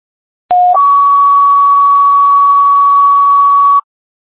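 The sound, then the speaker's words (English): Two steady electronic radio dispatch assessment tones for Webster EMS in sequence, a brief lower pitch jumping to a long higher one held for about three seconds, loud and clean like a radio paging alert, with no voices. “Assessment tones for Webster EMS, WPKZ 854, clear 1810.”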